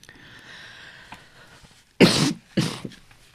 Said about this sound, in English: Sorry, listeners, I have a bit of a cough this morning.